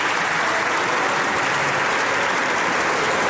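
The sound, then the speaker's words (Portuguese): Loud, sustained applause from PSD members seated in a parliamentary chamber, greeting a statement by Palma Ramalho, a dense wash of clapping hands with no voices, holding steady throughout. “As ruidosas palmas do PSD, esta afirmação de Palma Ramalho.”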